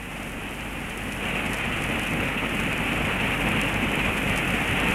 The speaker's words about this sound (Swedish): Fyrisån är stor och mäktig i år. Den väller fram nästan med en flodstyrka. Och bruset av det vita fallet blir nästan öronbedövande ibland.